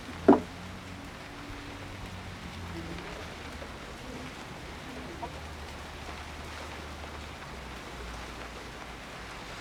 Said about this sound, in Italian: Dovrebbe smettere di piovere.